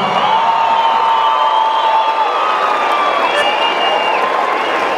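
A large audience applauds and cheers continuously, a dense wash of clapping with shouts and whoops rising through it, loud and sustained throughout.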